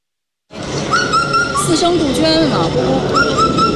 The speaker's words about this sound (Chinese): 四声杜鹃。展区里，观众们正在听声识鸟，仔细分辨每一段啼鸣。